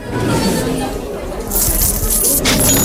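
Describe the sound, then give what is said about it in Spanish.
Metallic clinking and jangling of coins and chains being dumped out of chests along with tableware and cloth, a busy bright rattle that swells in the second half, with a low rumbling murmur underneath; English raiders in Cádiz emptying their loot. “Los ingleses que habían llegado para saquear Cádiz empiezan a vaciar cofres, monedas, cadenas, vajillas, telas y todo lo poco que habían logrado reunir durante aquella expedición desastrosa.”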